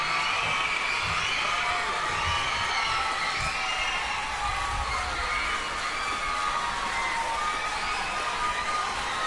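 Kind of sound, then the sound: crowd, audience applause and cheering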